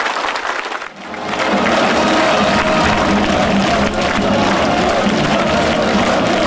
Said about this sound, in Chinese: 习近平和金正恩对演员们的精彩表演频频鼓掌致意。